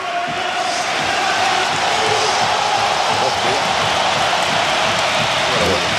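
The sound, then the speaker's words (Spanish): A football stadium crowd roars in a sustained, loud ovation for Isco Alarcón as he comes on as a substitute, a dense wash of cheering and applause that holds steady throughout without letting up. “Y vamos a escuchar la ovación a Isco Alarcón.”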